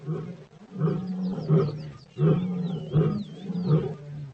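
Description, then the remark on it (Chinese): Amadi, an 11-month-old young male lion, gives a series of about six deep, rumbling roar-grunts in a steady rhythm, while faint birdsong chirps and whistles above. “阿玛迪是一只只有11个月大的幼狮，它是雄狮”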